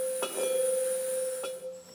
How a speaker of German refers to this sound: Durch das Hämmern wird die Schwingung des Metalls, also der Klang, beeinflusst.